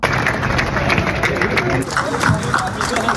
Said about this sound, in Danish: Ja, sådan her lød det i formiddag på Christiansborg Slotsplads, da tusindvis af landmænd klappede af de mere end 300 traktorer, som ankom midt i Københavns myldretidstrafik.